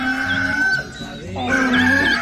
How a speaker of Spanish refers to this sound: A levantarse pues que ya cantó el gallo, carajo.